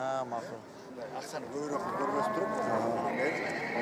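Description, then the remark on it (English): A horse, a calm mare being ridden around, whinnies in drawn-out, wavering calls, moderately loud, mixed with people talking; faint clip-clop of hooves may sit underneath. “This horse has the right temperament”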